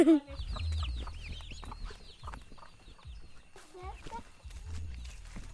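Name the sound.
hen and chicks clucking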